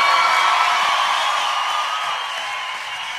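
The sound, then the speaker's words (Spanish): A large audience applauds loudly and steadily, with scattered whoops and cheers mixed in, the dense clapping easing slightly toward the end. “Si ese aplauso para él, tiene que dárselo mucho más fuerte.”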